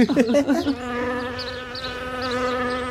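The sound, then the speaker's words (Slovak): A brief burst of voice gives way to a steady buzzing like a fly, droning evenly for a couple of seconds. A voice imitates the buzz. “Pozor, letí mucha.”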